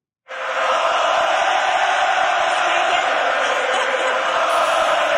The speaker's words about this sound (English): After making 26 saves, the young Czech keeper was interviewed on the ice, but when he tried to answer the reporter's questions, the Bell Center crowd took over.